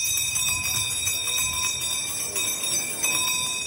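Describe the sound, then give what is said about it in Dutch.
A town crier's hand bell is shaken over and over in a quick, uneven rhythm during a town crier contest in the centre of Rijssen, with participants in historical costume parading on a hot day. Its bright metallic clangs ring on steadily throughout with a low rumble of background noise and no talking. “Ondanks de hitte trokken de deelnemers in historische kleding luidroepend en bellend door de binnenstad.”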